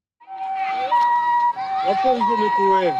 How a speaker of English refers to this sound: The sound of ambulance sirens carrying Ebola victims has become very familiar in Ituri province in the northeast of the Democratic Republic of Congo.